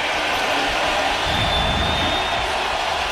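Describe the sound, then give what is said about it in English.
A stadium crowd at Lambeau Field cheers in a steady, dense roar, encouraged by the Packers sideline before a Bears third down, holding loud and even for a few seconds, with a thin high whistle-like tone running briefly through the middle. “Crowd comes alive at Lambeau Field with the encouragement of the Packers sideline.”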